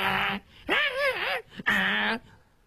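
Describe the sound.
A voice imitates a dog whimpering as it tugs at a piece of beef in a kitchen, making the door rattle: three drawn-out, whiny nasal whines with wavering pitch, the middle one rising and falling, fairly loud with short gaps between.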